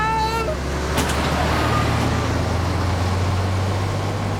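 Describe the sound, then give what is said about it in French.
A heavy truck rumbles past, its deep engine drone loud and steady throughout, with a brief high whine and a burst of hiss near the start. “Attention, un camion.”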